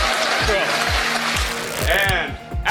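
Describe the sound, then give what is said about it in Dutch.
Sustained audience applause, a dense wash of clapping that holds steady throughout, with regular low thumps and brief rising and falling vocal tones mixed in. “Ja, blijf maar even klappen, want 's werelds meest prestigieuze filmfestival Cannes gaat weer van start.”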